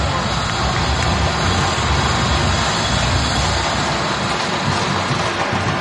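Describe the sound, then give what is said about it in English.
A crowd at BMO Stadium cheers after Denis Bouanga's goal gives LAFC a 1-0 lead early in the second half, a dense, loud, unbroken roar that holds steady for the full six seconds without easing off. “And the crowd loving it at BMO Stadium.”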